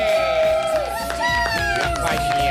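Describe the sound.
A crowd applauds and cheers loudly and steadily, with high whoops and whistle-like tones rising over a dense wash of clapping and shouting voices.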